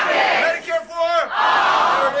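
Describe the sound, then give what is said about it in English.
A large crowd at a town hall in Michigan for Democratic Senate candidate Abdul El-Sayed chants the campaign slogan "Money out of politics" in unison, loud, with a sustained rising shout in the middle before the massed voices surge again. “If you go to one of Democratic Senate candidate Abdul El-Sayed's town halls in Michigan, you will hear the crowd chant the campaign slogan.”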